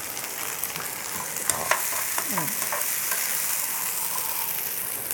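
A steady, dense sizzle of scallion whites stir-frying in a hot pan, with a few scraping clatters of a spatula stirring early on and no talking.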